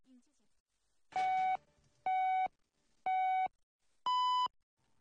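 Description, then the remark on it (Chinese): Radio hourly time-signal beeps marking 14:00 Beijing time: three identical medium-pitched tones about a second apart, then a final higher-pitched tone, each short, clean and loud against near silence. “现在是北京时间14点整。”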